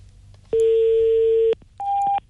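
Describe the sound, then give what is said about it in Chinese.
A steady electronic telephone line tone sounds for about a second, pauses briefly, then returns at a higher pitch for a shorter burst, like a fax or modem answering tone, on a call to a highway construction and maintenance center. No one speaks. “嗯，哎，是个传真电话吗？”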